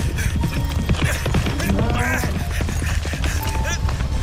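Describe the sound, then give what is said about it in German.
A charging bull's hoofbeats pound rapidly and steadily, thudding through a dense, noisy scene with faint voices mixed in. “Er kommt! Der Stier kommt!”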